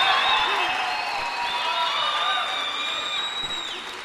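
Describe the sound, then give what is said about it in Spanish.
An audience at a sermon erupts in a shout of victory: sustained applause mixed with loud shouts and high-pitched whoops of celebration, the roar holding steady for several seconds before easing slightly at the end. “Alguien va a tener que dar un grito de victoria aquí.”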